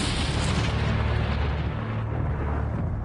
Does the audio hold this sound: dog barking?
no